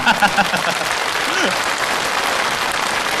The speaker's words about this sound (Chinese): 您这个掌声不白鼓， 怎么着？